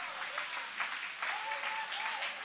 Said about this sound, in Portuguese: Pode tomar o vosso assento, guarda a Bíblia com carinho e aplaude o nome do Senhor com alegria.